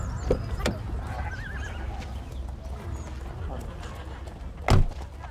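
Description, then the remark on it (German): A horse, a gelding, whinnies with a quavering, wavering cry, while a few sharp hoof clops and a heavier thud land against a low, steady outdoor rumble. “Ein schönes Pferd hast du.”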